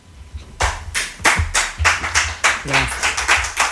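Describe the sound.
Applause from a small group, with sharp, close hand claps in a steady, slightly uneven rhythm throughout, and a brief voice murmuring faintly underneath.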